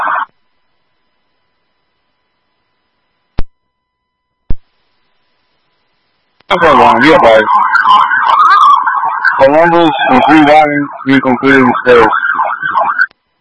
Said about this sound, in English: Green 5-1, just be careful, because I'm all getting sirens in the background.